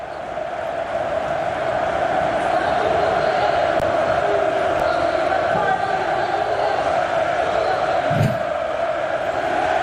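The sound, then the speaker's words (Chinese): A packed arena crowd of Olympiacos fans roars loudly and continuously after Bournier's very long three-pointer in the fourth quarter of a basketball game against Fenerbahçe, a dense wall of cheering and shouting that holds steady, with a brief low thump near the end. “全场的奥林匹亚科斯观众也重新被点燃了激情。”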